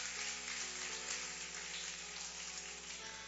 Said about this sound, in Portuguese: Vamos receber a serva de Deus com as palmas bem alegre para o Senhor Jesus. Mais alegre, igreja. Vamos se alegrar.